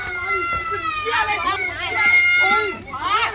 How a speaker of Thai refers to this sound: คุณผู้ชมฮะเราเห็นการทุบลงไปเนี่ยแรงแล้วก็ถ้าได้ยินเสียงเนี่ยมีเสียงเหมือนเด็กเล็กๆร้องอยู่ด้วยนะฮะด ้ วยความตกใจเพราะว่าถูกเพื่อนบ้านเนี่ยเข้ามาลุมทำร้ายจนชุลมุนวุ่นวายกันในบ้านหลังหนึ่งในจังหวัดระยองนะครับ